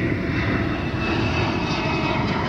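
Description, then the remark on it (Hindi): The engine of a Chinese J-20 fifth-generation stealth fighter jet roars loud, a continuous, dense rumble with a hissing edge that holds steady throughout, with no voices over it. “J-20 चीन का पांचवी पीढ़ी का स्टेल्थ फाइटर जेट है जिसे रडार पर पकड़ना बेहद मुश्किल माना जाता है।”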